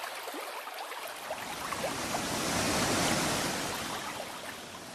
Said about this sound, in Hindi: साथियों, पेड़ कटे तो गर्मी बढ़ी, गर्मी बढ़ी तो पर्वतों के ग्लेशियर पिघलने लगे, और फिर पहाड़ों से जल का भारी सैलाब नीचे की ओर आने लगा।